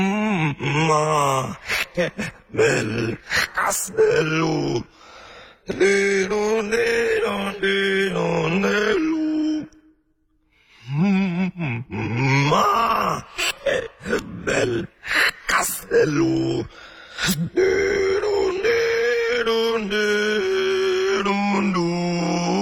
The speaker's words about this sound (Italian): È semplicemente un processo di fonazione non attraverso il processo di espirazione, ma attraverso il processo di inspirazione.